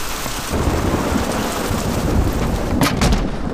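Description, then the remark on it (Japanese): Heavy rain pours down in a dense, steady roar that swells louder after a moment, with deep low rumbles like thunder rolling underneath and no voices. “雨が強くなってきたな。”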